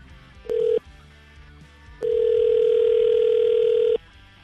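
An outgoing phone call ringing: a brief electronic ring tone, a pause, then a longer steady ring of about two seconds, clear and close with no one talking.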